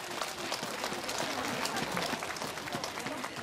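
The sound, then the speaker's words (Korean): Steady applause from an audience for the Yeonhwasa Lotus Choir at the 3rd Yeonhwasa Spring Flower Concert, Yeonhwasa temple of the Jogye Order of Korean Buddhism; many hands clapping in a dense, continuous wash that holds at an even level throughout, with no voices standing out. “봄날의 햇살처럼 따뜻한 무대를 만들어주신 연화사 연꽃 합창단에게 다시 한번 큰 박수 보내주시기 바랍니다.”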